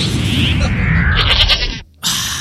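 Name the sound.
goat bleating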